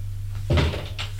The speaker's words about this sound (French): La porte de la cuisine est ouverte